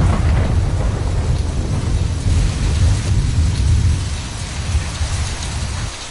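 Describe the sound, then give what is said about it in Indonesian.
Steady heavy rain pours down while deep thunder rumbles low and continuously underneath, easing off slightly toward the end. No voices are present. “Lindungi diri dan tunggu sampai badai benar-benar reda sebelum melanjutkan aktivitas.”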